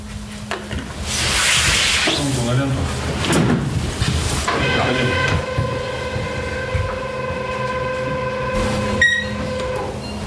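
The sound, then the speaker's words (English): A Gazprom passenger train heading up to the Bovanenkovo gas field rolls along the rails with a steady rumble and hiss, and a sustained metallic whine rises partway through and holds to the end. “Gazprom runs three or four passenger trains a week up to the Bovanenkovo gas field.”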